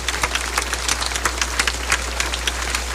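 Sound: round of applause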